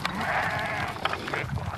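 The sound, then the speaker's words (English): Sheep bleating in a field in the middle of the night while being sorted, a sustained wavering cry with a few overlapping calls from the flock, loud over an outdoor background. “Oh, fucking hate sheep. I fucking hate them.”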